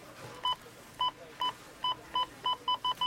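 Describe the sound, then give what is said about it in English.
A checkout scanner at a Rona store beeps about nine times in quick succession during its Rona week sale, each short, bright electronic tone coming faster toward the end, clear with no talking. “You know it's Rona week when the checkout sounds like this.”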